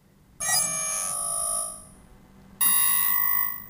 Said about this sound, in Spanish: ¿Qué le pasa a esta alarma hoy?